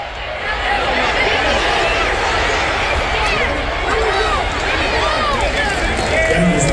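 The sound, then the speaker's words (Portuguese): A huge American football stadium crowd roars continuously during a Green Bay Packers versus Tampa Bay game, a dense wash of cheering and shouting voices that stays loud and steady throughout, with occasional rising whoops and whistles poking out of the din. “Olha que legal esse frisson da torcida. Vocês acabaram de entrar junto comigo dentro de um estádio de futebol americano.”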